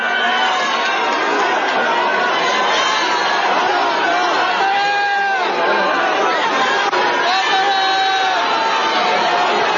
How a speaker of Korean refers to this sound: 국민의힘 그 최고위원들이 다 단상에 올라가서 이제 발언을 했어요. 뒤에 이제 일렬로 서서 이제 피켓도 들고 있었고 했었는데 우재준 최고위원이 이제 발언을 하려는데 거기 이제 참석자들 지지자들이 뭐 야유가 터져 나왔는데 예.